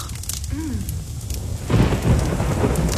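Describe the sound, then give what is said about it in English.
Steady heavy winter rain in Victoria hisses throughout, with a low rumble of thunder building and swelling loudly in the second half; no one speaks. “Kind of pouring.”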